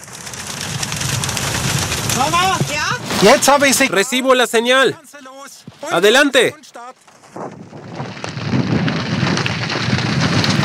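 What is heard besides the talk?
heavy rain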